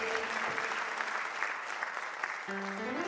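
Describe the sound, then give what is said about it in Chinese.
Audience applause fills the whole stretch, a dense, steady wash of many hands clapping at once, with a brief tonal voice-like hum rising under it near the start and again toward the end. “不念就拍手哦，谢谢。”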